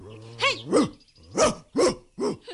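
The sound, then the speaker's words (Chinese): A dog barks fiercely, about five loud, sharp, snarling barks in quick succession with brief gaps between them, and no one speaking; it is Xiaotian Hound, the hound Yang Jian sends into the fight. “不过这只畜生相当厉害，你要小心点。”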